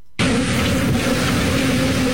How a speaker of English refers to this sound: Millions of bees escaped from a semi-truck that overturned in Texas. Mm. It was carrying beehives, and it crashed. This is the actual sound on the scene.